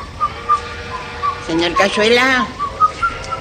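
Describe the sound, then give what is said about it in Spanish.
A man whistles a lilting tango tune in short, thin notes, fairly soft, while leaning on a railing, smoking nervously and waiting. A voice briefly interrupts midway before the whistling resumes. “Y silbando un tango, espera.”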